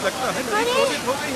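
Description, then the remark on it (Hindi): A steady, loud roar of rushing flood water fills the whole clip, with a voice speaking over the churning torrent as the water floods farm fields and washes away the crops. “हमारे खेतों में पानी भर गया, सारी फसल बह गई।”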